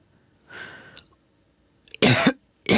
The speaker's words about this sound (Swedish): … hostar så det rosslar.